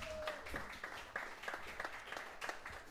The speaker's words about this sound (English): On drums and high spirits, how about a round of applause